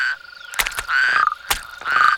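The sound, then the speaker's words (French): Toads croak in rapid, buzzing pulsed trills in a garden at nightfall, two calls in quick succession over a steady background chorus, with a couple of sharp clicks between them. No one speaks. “Les crapauds sortent de leur cachette pour aller se rafraîchir dans l'eau.”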